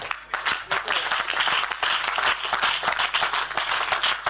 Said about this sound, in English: Is it the way you are clapping? It's a worry.